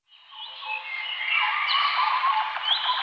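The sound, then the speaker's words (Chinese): A dense chorus of birdsong, many birds chirping and trilling at once in a continuous, bright wash of sound that swells slightly and holds steady, with no voices. “鸟鸣，溪流，森林，草原，大海。”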